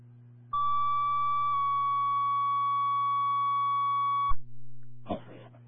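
Fire dispatch alert tones calling Washington Fire to an activated fire alarm at the Kirby House, 16 Kirby Road: a steady, loud electronic tone for about a second shifts to a slightly lower second tone held for nearly three seconds, over a low hum, then a brief static burst.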